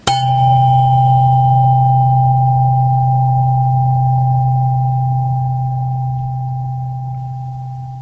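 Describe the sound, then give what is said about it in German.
A steady, low pure tone, the note C, sounds alone for about eight seconds after a sharp onset, holding one pitch and slowly fading in loudness, like a struck tuning fork. “Dieser Ton war der Ton C mit einer Frequenz von 128 Hertz.”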